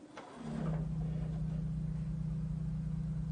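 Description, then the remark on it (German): A deep, low rumble from an organ's thunder stop swells in within half a second and then holds as a steady, droning growl with no break, loud and without any voices. “Es ist ja einfach nur ein tiefes Grummeln.”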